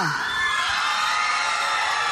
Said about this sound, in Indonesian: Tapi sebelum itu kita nak dengar dulu sorakan di mana penyokong Naila.